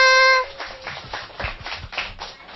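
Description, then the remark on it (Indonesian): A short sustained musical note cuts off, and then an audience breaks into steady applause, a dense crackle of many hands clapping at moderate loudness until the end. “Mana tepuk tangannya?”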